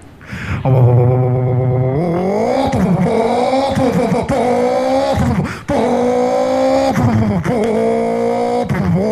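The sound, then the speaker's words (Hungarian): A powerful 400-horsepower car engine accelerates hard, loud, its roaring pitch climbing and then dropping with each of several quick gear shifts, with no voices over it. “Majd visszakapcsolunk, második, hogy erőtartalék kellett kezden a motorról, mert nincs már, meg kellett csak 400 lóerő, és utána nyélé hajtjuk.”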